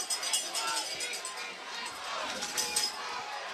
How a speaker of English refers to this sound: You can hear the stands almost collapsing here from the stands. Those fans jumping up and down here.